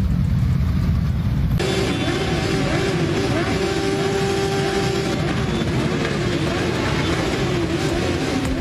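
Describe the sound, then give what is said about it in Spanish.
Loud, continuous motorcycle engines rev and roar, steady throttle tones rising and holding as several bikes idle and accelerate together, with a brief quieter rumble before the revving kicks in, as bikers pay tribute to a fellow biker leaving a funeral in Retuerto, Basque Country. “A las 7 menos cuarto salían en moto desde el Carrefour de Sestao hacia el funeral, que comenzaba a las 7 en Retuerto.”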